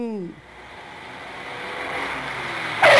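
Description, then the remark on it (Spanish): Off-road truck engines roar and rev, a broad rumbling noise that swells steadily louder over a few seconds, with a brief voice at the very start. “Vámonos, amigos, échenle, compadre. ¡Ay, que rujan!”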